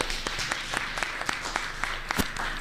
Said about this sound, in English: We need to get a round of applause for this event. Come on.